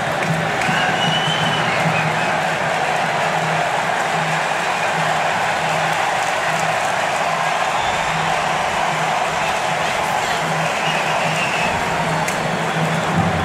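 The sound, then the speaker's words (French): A stadium crowd at a Brazil vs Norway football match cheers in a dense, steady roar that holds at a loud, even level throughout, with no clear peaks and no voices standing out, reacting to the stadium screen showing NBA champion Jalen Brunson of the New York Knicks. “Les acclamations que vous avez entendues, c'est parce que l'écran du stade ici, qui est différent de ce que vous voyez à la maison, nous a montré Jalen Brunson, champion NBA en titre avec les Knicks de New York.”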